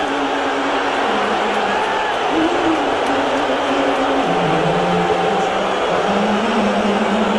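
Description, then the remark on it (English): A large arena crowd roars steadily, with sustained low booing of a player rising and falling throughout and a faint smattering of cheers mixed into the dense wash of noise. “So, yeah, he got booed last night.”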